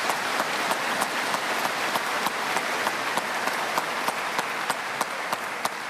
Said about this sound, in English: So we give you a big round of applause for all that you have done here.